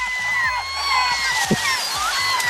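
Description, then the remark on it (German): Several gulls call at once, a chorus of shrill, wavering cries overlapping continuously, with a low rumble of water or a boat engine beneath. “Anstrengend auf jeden Fall, aber sie klangen tatsächlich eher wie Letzteres.”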